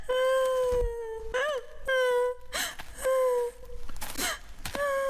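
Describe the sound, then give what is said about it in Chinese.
A girl cries loudly, in long drawn-out wails broken by sharp gasping sobs. No one else speaks. “哭声更大”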